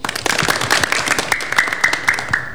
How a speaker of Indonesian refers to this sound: Bagus, beri tepuk tangan untuk